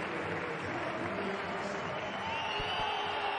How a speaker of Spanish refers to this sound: Pitos. Les oigo yo desde aquí. Aquí no tengo puesto los cascos. Claramente.